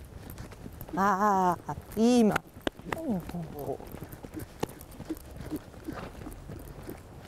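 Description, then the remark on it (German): Horse hooves clip-clop at a steady walking pace as a woman rides the horse, sharp knocks, while a person speaks briefly over them. “Bleibt die Reiterin ruhig, ist auch das Pferd ganz entspannt.”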